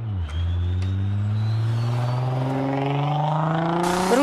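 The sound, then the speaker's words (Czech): A car roars past at high speed on the main road through the town of Rožnov pod Radhoštěm, its engine note climbing steadily as it accelerates, loud throughout with no voices. “Vysokou rychlostí projíždějí po hlavním tahu městem i zatáčkami v místní části Tylovice.”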